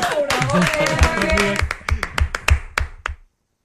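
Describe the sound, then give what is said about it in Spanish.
Voices talk at first, then a small group breaks into brief applause for the production crew: around a dozen sharp, slightly uneven claps over about a second and a half before stopping. “¡Vamos, un aplauso para la producción!”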